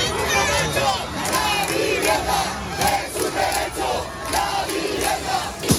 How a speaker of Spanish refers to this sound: 10.000 personas, según la delegación del Gobierno, se manifestaban ayer por la tarde en Martínez Campos, Rubén Darío y La Castellana, manifestación con gritos de apoyo hasta que intervino la policía.